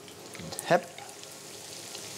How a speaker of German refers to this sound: Und das kommt jetzt in die Pfanne mit viel Fett. Nicht zu heiß, mittlere Hitze, damit die ganze Panade nicht direkt verbrennt.